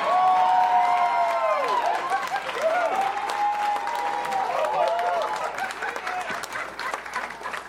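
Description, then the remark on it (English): An audience greeting a comedian claps steadily in a dense, crackling wash while several voices whoop and cheer in rising and falling tones, staying loud throughout before thinning slightly at the end. “Give it up for my next door neighbor”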